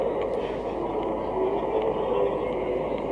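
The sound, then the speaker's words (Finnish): A train pulling away, heard as a steady, dense rumble with a low mechanical drone and faint squeaks above it, holding an even loudness throughout. “Tässä se juna just taitaa lähteekin.”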